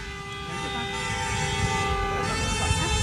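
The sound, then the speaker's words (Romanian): Several car horns honk together in a long, sustained blare, steady and fairly loud over the rumble of traffic, with no one speaking. Drivers waiting at a traffic light at the intersection of București and Unirii boulevards in Baia Mare, Romania, honk on a radio signal; the cars include a Duster, a Volvo and a Fiat. “Mulțumim pentru claxon, doamnă!”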